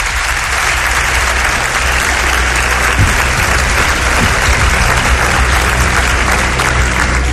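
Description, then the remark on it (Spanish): Sustained audience applause for a guest during a recorded show, a dense, steady wash of many hands clapping at an even loudness for several seconds with no talking over it. “Un aplauso para él, los pido.”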